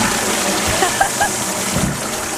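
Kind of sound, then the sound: household object, toilet flushing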